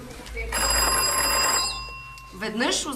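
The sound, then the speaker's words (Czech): A mine shaft signal bell, used for signalling between the bottom of the shaft and the surface, rings loudly and continuously for about a second, its metallic tone ringing out and fading slowly before a voice begins talking. “Protože ještě neexistoval telefon, byla v dole zvonková signalizace mezi dnem šachty a povrchem, kam se nejdřív ručně a později koňmo dopravovali vozíky s uhlím.”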